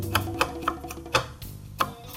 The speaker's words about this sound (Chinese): 那像这个里面呢，这个比较多纤维的地方，我会用刀子下去，啊，这样子切，滚的这样切，有点像削铅笔这样子的。